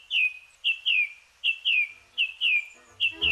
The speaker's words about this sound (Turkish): Yarın Uluslararası Şafak Korosu Günü. Şafak vakti kuşları dinlemek için çevrenizdeki ormanlık alana gidin.